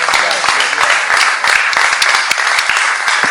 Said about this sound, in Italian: Condivido l'applauso, bravo Antonio Polito, ha scritto un libro veramente importante, penso.